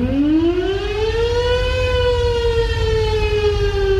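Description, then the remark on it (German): A hand-cranked warning siren wails steadily, its tone rising to a sustained high pitch and slowly sagging, loud over a low rumbling hum, with no voices. “Damals wurden die Sirenen noch per Hand betrieben. Man kurbelte los und dann hörte man dieses Signal.”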